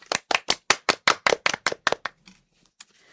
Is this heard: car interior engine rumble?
no